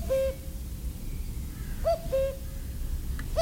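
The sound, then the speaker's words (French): A common (European) cuckoo, back from migration, calls its two-note "cu-coo" about twice, a clear hollow whistle with the second note dropping lower, over a steady low rumbling background with no voices, in mainly forested country near Ouyès. “Le coucou est bien présent, le coucou d'Europe revenu de migration depuis pas mal de temps, depuis la fin mars pratiquement.”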